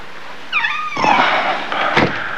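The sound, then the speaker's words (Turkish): A short metallic scrape and rattle of a key working into a front door lock at nearly 3 a.m., followed by the creak and clunk of the door opening, with no talking. “Hay Allah, bu kapının deliği de nerede ya? Ha tamam. İşte oldu.”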